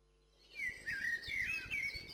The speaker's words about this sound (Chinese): 北飞的红腹知更鸟停在一棵小树上，它向下喊：